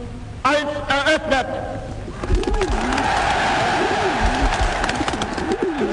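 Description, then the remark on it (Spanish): A flock of 20,000 doves, released as a symbol of peace at the opening ceremony of the 1936 Berlin Olympics, coos and warbles over a dense, noisy wash of stadium crowd sound, with a voice briefly rising near the start before the birds take over. “20.000 palomas fueron liberadas como símbolo de la paz”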